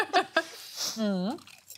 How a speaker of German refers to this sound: Und so ein Knusper. Also wow. Man hat gerade schon, man hat schon gehört, dieses Krrr. Und das ist eben auch wirklich dieses bisschen gröbere Paniermehl.